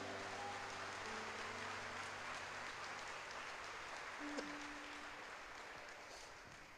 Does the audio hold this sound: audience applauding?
yes